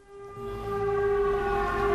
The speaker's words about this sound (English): Back at Dmytro's port, the air raid siren sounds.